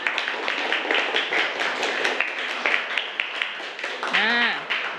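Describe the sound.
A group claps their hands together in a dense, steady patter for about four seconds, applauding group one, then a single voice rises briefly above it as the applause continues.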